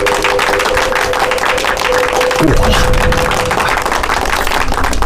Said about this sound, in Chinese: 鼓掌